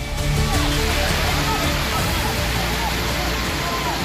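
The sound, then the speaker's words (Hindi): Rushing floodwater roars steadily and loudly, a dense, unbroken churn of water with faint voices half-buried beneath it, in Rajouri, where Rashtriya Rifles soldiers used ropes and a human chain to bring stranded people across the strong current to safety. “सामने उफनता पानी था, हर कदम पर बह जाने का खतरा, लेकिन जवान रुके नहीं।”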